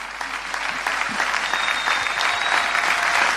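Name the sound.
audience applauding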